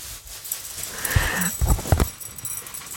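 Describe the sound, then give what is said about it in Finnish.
Knitting needles are handled, giving a few sharp clicks and light clacks clustered around the middle, with a faint scraping rustle between them and no voices. “Neulontapuikot, niin.”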